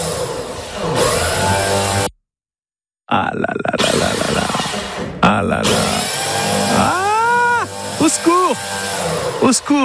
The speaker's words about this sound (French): Au secours, le voisin a sorti la perceuse. Atroce.